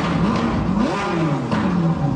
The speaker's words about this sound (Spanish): Ese ruido típico del motor entre un trueno y un león que todos reconocen del auto rojo quizás más famoso del mundo.